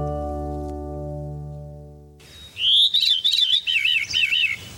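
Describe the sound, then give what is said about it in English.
A veery, a North American bird, sings a loud, liquid, spiraling phrase of wavering, rolling high notes that seem to swirl downward. It follows a steady, low sustained musical chord that fades out at the start. “But its spiraling liquid song is one of the most haunting of all North American bird calls.”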